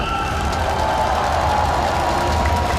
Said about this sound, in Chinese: 全场的球迷朋友们，我们掌声送给我们自己的代表好吗？